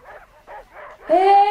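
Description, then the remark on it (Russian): Dogs bark in three quick, muffled bursts, then one lets out a louder, drawn-out whining yelp that carries to the end. “Ах, я же говорила, нюх какой у этих собак.”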